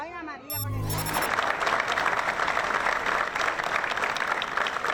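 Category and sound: crowd, applause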